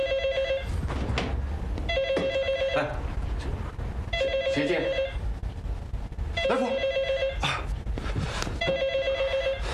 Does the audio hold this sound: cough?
no